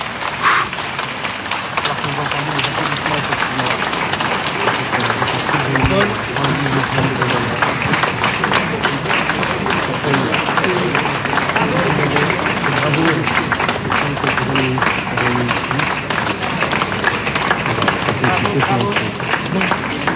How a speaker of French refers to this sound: On regarde cette image et ces applaudissements.